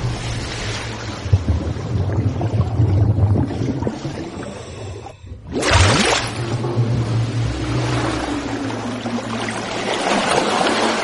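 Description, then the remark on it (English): Steady wind buffets the microphone over the continuous roar of surf on a protected National Seashore beach about 10 minutes out of Provincetown, Massachusetts, with a brief lull before a wave surges in loudly, then the broad wash of water and gusting wind carries on. “It's part of the National Seashore, so it's protected beach.”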